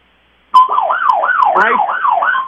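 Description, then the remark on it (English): The siren of an old fire truck used by Bryce Water Delivery to deliver water, off Route 66 in Chino Valley, starts abruptly and wails loudly, its pitch rising and falling in quick, regular cycles for about two seconds, with no voices. “He's an old fire truck to deliver water.”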